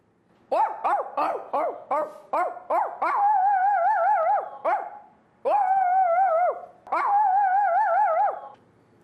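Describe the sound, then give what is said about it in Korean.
A voice imitates a baby puppy and then a big dog: about seven quick, high puppy-like yips in a row, followed by three longer, wavering, drawn-out barks. It is loud, with no other talking. “저는 아기 강아지랑 큰 강아지를 할 수 있어요.”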